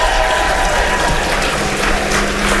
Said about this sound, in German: Großer Applaus nochmal